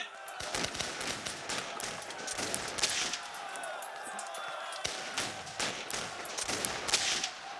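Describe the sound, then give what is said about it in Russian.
A ragged volley of arquebus gunfire from a fortress's defenders: many sharp, cracking shots fire in quick, irregular succession, overlapping one another over a steady background rumble, fairly loud. “прикажете защитникам из печали палить?”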